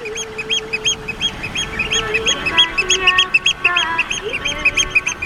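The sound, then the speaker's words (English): Oystercatcher alarm calls: loud, shrill piping notes repeated rapidly and overlapping, as if several birds call at once, over a low, steady background rumble. “When you listen to the oyster catcher's alarm calls, they shout, "Biglich, biglich."”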